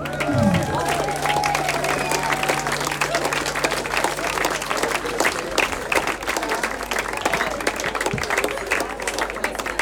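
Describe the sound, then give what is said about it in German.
A crowd applauds a volunteer called onto the stage to play a singing bowl for the next song, many hands clapping in a dense, even patter that holds at a fairly loud level for the whole stretch, with a few brief voices and a low hum underneath. “Applaus für freiwillige Person!”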